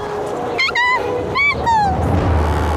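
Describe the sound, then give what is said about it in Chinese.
Jackals give a few sharp, high-pitched yelping calls in quick bursts, with a low rumbling background underneath. “有豺狼，熊猫妈妈受伤了，肯定跑不掉的。”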